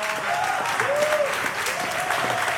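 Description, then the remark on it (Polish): Steady, dense applause from an audience for a musician after his performance, a continuous wash of clapping at moderate loudness with a few faint whistle-like tones rising through it. “Państwo biją brawo, konfetti, szaleństwo, showman.”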